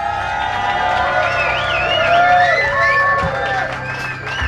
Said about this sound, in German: Applaus